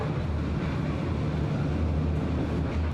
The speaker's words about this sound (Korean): 시내 중심에서 다른 시내 중심으로 이동하는 기차.